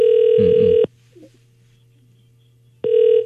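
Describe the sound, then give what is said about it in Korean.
A telephone ringback tone on a call to a dry cleaner's owner pulses twice, a steady electronic burr lasting under a second, then a pause of about two seconds with a faint low hum before it starts again, as the call goes unanswered. “아유, 신호가 가는데 전화를 안 받으시네요.”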